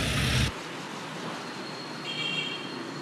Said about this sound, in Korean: 이키토스에선 모터택시와 이 버스가 주요 교통수단입니다. 그런데 타고 보니 이 버스 뭔가 좀 달라 보입니다. 창문이 없고 내부가 전부 나무로 되어 있습니다.